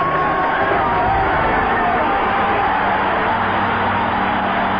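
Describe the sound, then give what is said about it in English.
A stadium crowd of about 90,000 at the Olympic Games roars and cheers as an American woman runner from Maine emerges from the tunnel into the stadium, a steady, dense wash of noise that stays loud throughout, with no clear individual voices standing out. “We'll come through that tunnel and listen to the crowd as she emerges.”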